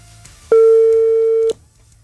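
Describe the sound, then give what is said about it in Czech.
A single steady telephone ringback tone, a clear mid-pitched electronic hum lasting about one second, heard alone and fairly loud over quiet background before cutting off, on a call to a listener who signed up for a game. “zvedni telefon, řekni větu a je to tvoje.”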